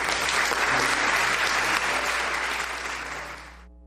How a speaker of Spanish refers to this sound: Le damos fuerte el aplauso a Jesús.